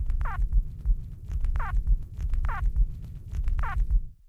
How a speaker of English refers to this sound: This vocalization was also produced only during nest emergence, and it sounds a little bit like a squawk or a squeak or a squibble.